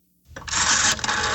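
A loud, rattling telephone bell rings, bursting in after a brief moment of quiet and clattering steadily to the end, with no one talking, opening The Party Line segment on CBC Radio in Nova Scotia.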